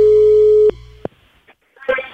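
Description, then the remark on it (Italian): A telephone busy tone after a phone call's line dropped: a loud, steady mid-pitched beep that cuts off abruptly with a click, followed by a second click, a short pause, and a voice starting to speak. “Eccomi, è caduta la linea.”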